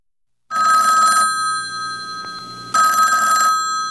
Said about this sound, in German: Stellen Sie sich vor, liebe Zuhörerinnen, das Telefon klingelt, Sie heben ab und hören die bekannte samtige Stimme